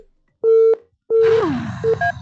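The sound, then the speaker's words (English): Two loud steady phone tones, each about a third of a second long, followed by a falling warble and a burst of rough noise with brief beeps mixed in, as a phone call is placed back. “Now, me just call back on and I wait and need your standard.”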